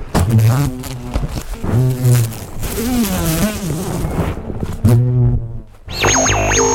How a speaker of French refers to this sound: Mais c'est un mastodonte, il est énorme. Alors, monsieur l'abeille, qu'est-ce que tu as à dire ? Monsieur Bourdon, plutôt que l'abeille.